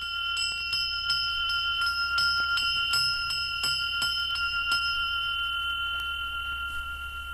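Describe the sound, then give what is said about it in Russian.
A small Russian carriage bell of the "Dar Valdaya" (Gift of Valdai) type rings repeatedly in quick, uneven strokes, its bright sustained tones overlapping and slowly fading toward the end; no voices accompany it. “Вот колокольчик типа «Дар Валдая».”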